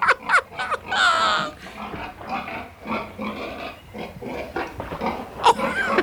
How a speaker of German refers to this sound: Ich finde nun mal die Ringelschwänze der Schweine niedlich und die komischen Geräusche, die die Schweine machen. Oh, da hinten suhlen sich die Säue im Schlamm.